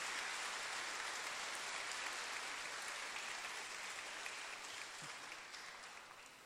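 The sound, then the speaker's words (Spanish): An audience applauds for Jesus Christ in a steady, dense wash of clapping that holds for several seconds, then gradually tapers off toward the end. No one speaks over it. “Démosle un fuerte aplauso a nuestro Señor Jesucristo.”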